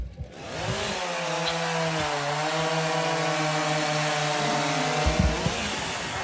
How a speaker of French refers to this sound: c'est la tronçonneuse qui ouvre le bal sur ce parcours du World Trophy